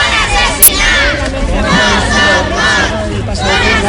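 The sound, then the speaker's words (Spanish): Relatives of the victims protest outside Parliament, chanting "no son muertos, son asesinados" as former president Carlos Mazón appears before the commission investigating the DANA. Many voices are layered into a loud, steady roar with rising and falling shouted phrases and no break across the whole stretch. “Al grito de no son more, son asesinats, no son muertos, son asesinados, familiares de las víctimas se han concentrado a las puertas del Parlamento justo cuando comparecía el expresidente”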